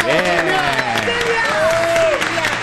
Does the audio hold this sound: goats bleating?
no